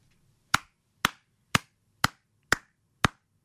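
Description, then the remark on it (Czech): Six sharp hand claps at a steady, even pace, each one crisp and loud against an otherwise quiet background with a faint low hum. “Tak tleskám Kubovi za to, že je skvělý manžel a táta a tleskám Petře za to, že ho takhle krásně umí pochválit.”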